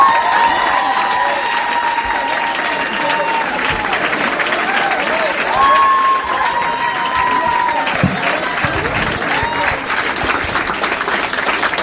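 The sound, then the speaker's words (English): A Minneapolis audience on a Saturday night applauds steadily and loudly for about twelve seconds as comedian Matt Kirshen is introduced, dense clapping mixed with whoops and cheers, a few higher shouts and whistles rising above the roar. “Please make some noise for Matt Kirshen.”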